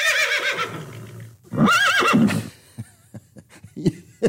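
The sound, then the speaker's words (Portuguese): A horse whinnies loudly in two long, quavering bursts, its pitch wavering up and down, followed by a few short snorts and soft thuds. “Aí o cavalo começou a rinchar, menino.”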